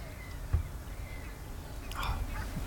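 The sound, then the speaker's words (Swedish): Outdoor birdsong at a bird observatory in Ottenby, Sweden, picked up by a held-up microphone over steady wind rumble, faint high calls and a slightly louder, brief bird call near the end, with no one speaking. “Får vi se vad ni skådar och vad vi får höra härifrån.”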